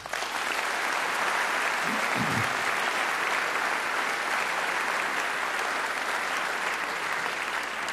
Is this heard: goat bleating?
no